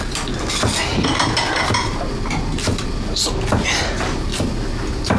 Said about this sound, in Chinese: 帮我把碗筷摆上去。五副啊。